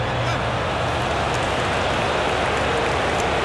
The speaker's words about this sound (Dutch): Het is weer zo'n wedstrijd voor Marcus Rashford. En u hoort het publiek wat zij ervan denken.